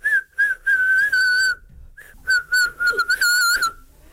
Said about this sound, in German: Mit meiner Stimme kann ich pfeifen.